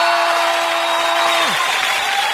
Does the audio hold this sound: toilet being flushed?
no